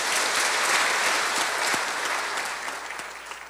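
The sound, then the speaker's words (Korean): Steady audience applause welcoming the new chairman of the Wonchang School Foundation, a dense wash of many hands clapping that holds strong throughout before easing slightly toward the end, with no voices over it. “원창학원 이사장으로 봉직하면서 미래의 동량인 인재 양성과 청소년 교화에 힘써주시기를 바라는 간절한 마음을 담아 힘찬 박수로 맞이해 주시면 고맙겠습니다.”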